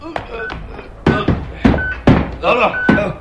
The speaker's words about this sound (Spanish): El teniente Harrison del FBI y tres soldados más quitan la pesada viga que cierra aquella puerta metálica.